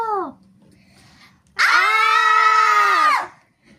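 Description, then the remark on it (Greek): A loud, high-pitched shriek held for about a second and a half, voiced by a person imitating aliens shrieking as soon as they see the visitors, preceded by a brief falling vocal sound and a low hum. “Τσίριξαν οι εξωγήινοι με το που τους είδαν.”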